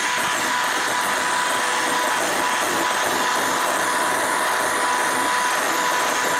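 An electric mixer runs without a break, whipping egg whites into a foamy white froth, with a loud, steady motor whir, a constant hiss of beating and a faint high hum. No one speaks.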